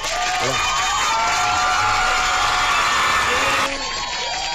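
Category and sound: sound effect, applause sound effect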